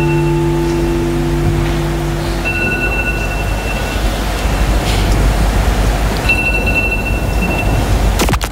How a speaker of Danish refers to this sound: Du hørte rigtigt, der var en person i kirken, hvis alarm ringede undervejs. Som jeg forstår det, er der ikke nogen, der har vedkendt sig, at det var deres alarm, og må jeg sige til den krisehåndtering, korrekt gået.